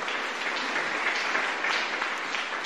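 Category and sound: crowd, audience applauding in church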